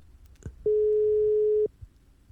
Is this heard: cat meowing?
no